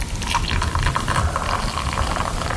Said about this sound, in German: Aber Achtung, ja? Alle mal herschauen. Ich gieße jetzt mein Zauberwasser da rein.